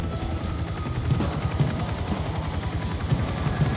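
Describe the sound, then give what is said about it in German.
A helicopter drones steadily, its rotor producing a fast low chopping pulse over a constant engine whine, with no voices; the helicopter is carrying a man through the air. “Wir haben ihn jetzt in unserem Helikopter.”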